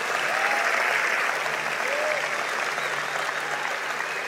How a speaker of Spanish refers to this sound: Vamos, alguien que dé un aplauso al Señor por eso. Vamos, si lo vas a hacer, hazlo fuerte.